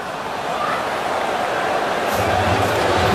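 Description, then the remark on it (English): Pitt fans in a stadium boo the ball spot on third and one during a Pitt versus Syracuse football game, a steady, dense roar that swells slightly louder toward the end, with a low droning undertone joining in the final second. “Pitt fans, you can hear booing the spot, as it turns out.”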